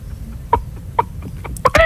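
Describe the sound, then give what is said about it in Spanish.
A person imitates a clucking hen: a string of short, throaty clucks that start sparse and quicken, ending in a louder, drawn-out squawk. “Claro, el otro es la gallina.”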